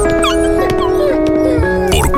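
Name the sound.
dog whimpering and barking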